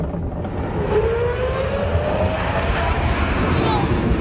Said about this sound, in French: Voilà, je vous rappelle que c'est pas un avion, hein, c'est un grand 8. C'est spectaculaire, c'est indécent pour du divertissement